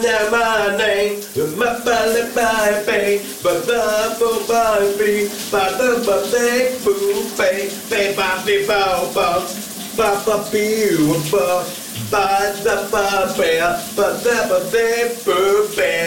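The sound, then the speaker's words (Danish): A man sings loudly and continuously under a running shower, the steady hiss of spraying water filling the background the whole time, his voice echoing slightly. “Vi skal genlytte med morgens brusebadshit.”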